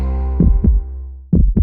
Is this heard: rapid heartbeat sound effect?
yes